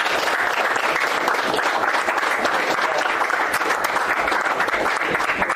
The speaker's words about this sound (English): Here's Senator Banks. Round of applause.